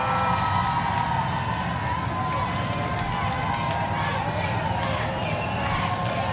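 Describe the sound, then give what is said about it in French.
A large crowd chants and sings "merci" (thank you) together in a loud, continuous outdoor roar as Pope Leo's car moves forward past them, with siren-like tones and vehicle noise mixed into the dense wash of voices throughout. “Voilà, les gens qui disent et chantent merci.”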